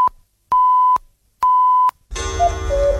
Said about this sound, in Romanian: La al 6-lea semnal va fi ora exactă.